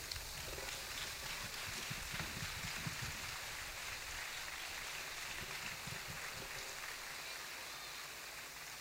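An audience applauds at a municipal tribute and distinction ceremony, a dense, steady wash of many hands clapping that holds at an even level for several seconds without anyone speaking over it.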